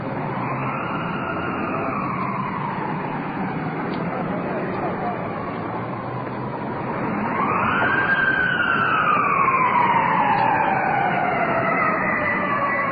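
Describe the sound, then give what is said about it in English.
An ambulance siren wails in long rising and falling sweeps, starting off in the distance from the opposite direction and swelling louder partway through as it draws closer, over a low rumble of traffic. “Ambulance rolling in. Off in the distance, the opposite direction.”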